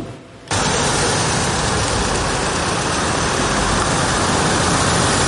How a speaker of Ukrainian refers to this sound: Одна за одною на майданчик перед Міністерством закордонних справ заїжджають евакуаційні автомобілі та машини швидкої допомоги.